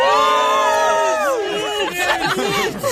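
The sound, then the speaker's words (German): A crowd waiting in a queue, asked how the mood is, lets out a loud, sustained cheer, many voices joining in a long rising "hoo" that wavers and breaks into scattered whoops over three seconds. “Also ich glaube, da gab es ein solides Hu. Ich hoffe, man hat es gehört.”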